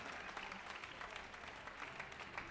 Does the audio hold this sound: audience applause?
yes